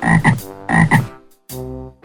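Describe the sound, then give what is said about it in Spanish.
A frog croaks three times: two quick, raspy double-pulsed croaks followed by a longer, steadier one, loud and clear with no voices. “La rana.”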